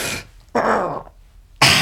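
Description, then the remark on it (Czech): Three harsh, rasping bellows of a red deer stag in rut, each a short guttural roar, the middle one longest, loud, with brief silences between them. “Na horách jelení.”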